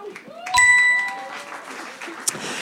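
An audience bursts into steady, moderately loud applause that carries on throughout, with a bright ringing chime sounding briefly near the start and faint voices mixed into the clapping.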